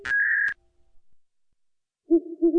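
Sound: owl hooting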